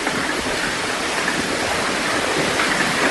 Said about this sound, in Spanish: Así sonaba ayer la lluvia y el granizo en Eslida.